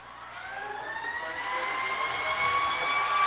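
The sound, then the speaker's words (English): A siren sound effect wails steadily over a broad crowd-like wash at a football stadium after an overtime touchdown, its rising harmonic tones growing slightly louder and more prominent across a few seconds, sounding amplified and reverberant as if played through large speakers. “And they're playing some background effects, a siren.”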